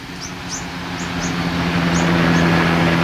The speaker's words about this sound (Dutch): Er vliegen bijvoorbeeld vaker helikopters langs om de oceaan in de gaten te houden. Hier komt er één.